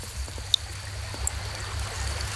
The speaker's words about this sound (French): On est au bord d'une rivière. Est-ce que tu entends l'eau de la rivière?